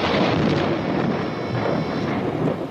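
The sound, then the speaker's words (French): A loud, deep, heavy rumble of thunder rolls on steadily for a few seconds, with no voices: a sudden thunderclap as rain starts falling again at the wedding of Louis X, in the 1972 series Les Rois Maudits. “Un coup de tonnerre éclata soudain, et comme il passait au doigt de Clémence un anneau trop large, la pluie se remit à tomber.”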